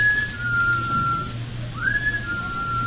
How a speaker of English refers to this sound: Well, what could that be? That whistle? Yes. Oh, I imagine it's just one of the fellas outside or something. Oh, it sounded as though it were right here in this house. It sounded as though it was in the cellar.